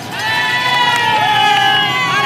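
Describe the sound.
A dense roadside crowd at a cycling race, just past bend 20, roars and cheers continuously as the race motorbike rides through, a loud sustained wash of shouting voices with high piercing whistles and yells rising above it throughout.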